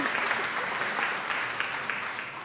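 An audience claps loudly and steadily, a dense wash of many hands with scattered sharper slaps throughout and no voices.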